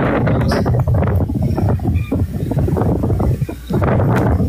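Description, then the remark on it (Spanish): Strong, gusty wind roars steadily across the microphone along a path through bamboo bent into an arch, a loud low-frequency rumble with buffeting surges and a brief dip before it rushes back in full force. “Y el ventarrón que los acompaña hasta ahora, miren, el camino para los que no lo ven es muy bonito, el bambú, claro, al doblarse creó como un arco.”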